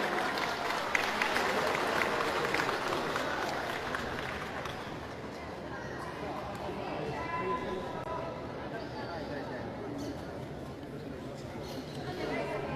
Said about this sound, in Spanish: Aplausos para el señor Richard.